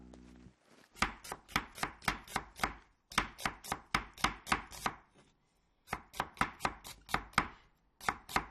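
A knife chops food on a cutting board in quick, even strokes, crisp sharp taps coming in three steady runs separated by brief pauses, with no voices.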